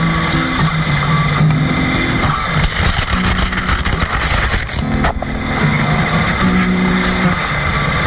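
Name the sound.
racing car engine revving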